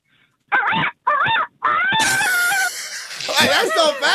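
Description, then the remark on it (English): A person imitates a rooster crow with a few short, strained, high-pitched bursts, then a longer wavering call that rises and falls before trailing into more warbling vocal sounds. “A rooster.”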